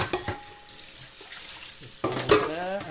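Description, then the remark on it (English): Dishes and utensils clatter and clink as a man loads breakfast dishes into a dishwasher rack, a few sharp knocks early, then a louder, busier burst of clanking near the end. “He's loading up the dishwasher.”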